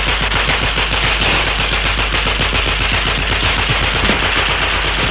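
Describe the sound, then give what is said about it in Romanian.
Sustained rapid gunfire from a shooter named Reggie, a dense rattle of overlapping shots like automatic weapons firing continuously for several seconds, loud throughout with no voices heard. “E Reggie care trage, idiotul!”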